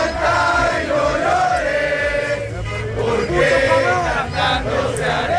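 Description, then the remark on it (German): A large crowd of Mexican football fans sings and chants loudly and without pause at night outside the Ecuador team's hotel before a World Cup match against Mexico, many voices blending together, with sustained honking horns woven through the din and fireworks. “Ja, also freundliches Singen, aber auch Hupen. Feuerwerk.”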